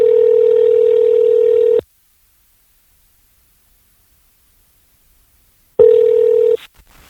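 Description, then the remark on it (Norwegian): A telephone ringback tone: a steady, loud electronic buzz lasts about two seconds, then a long silence, then the tone starts again briefly before cutting off. No one speaks. “Og skulle vært moro og fått en prat med henne på telefon.”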